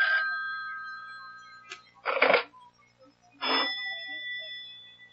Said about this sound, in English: Do something about that confounded phone. I can't, Mama. It'll just keep ringing. Well, take the receiver off the hook or something.